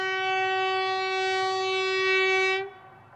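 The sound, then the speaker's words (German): A Trans-Mongolian Railway train's horn blows one long, steady, bright note for almost three seconds over a low rumble of the train as it winds toward the Chinese border, then cuts off abruptly, leaving only the faint rumble. “Die transmongolische Eisenbahn schlängelt sich weiter in Richtung chinesische Grenze.”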